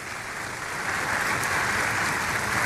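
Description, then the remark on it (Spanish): A church audience applauds steadily, a dense wash of many hands clapping that holds a fairly even, moderate loudness and swells slightly toward the end, with no voices heard. “que entienda la iglesia, porque la iglesia no solo somos los que estamos acá, son los miles que nos están viendo en las naciones a los cuales los saludamos con un caluroso aplauso, que hacen parte de esta iglesia.”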